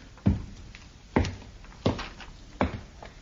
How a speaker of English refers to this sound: Open the door!